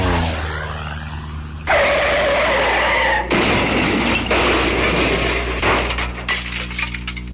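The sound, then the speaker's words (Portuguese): A brief screech of skidding car tires gives way to a loud crash of the car and a long spill of shattering glass, with debris clattering in several bursts. No one speaks. “Mandou tirar o freio, o carro bateu aqui.”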